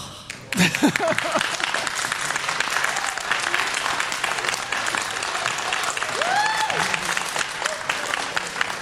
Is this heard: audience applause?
yes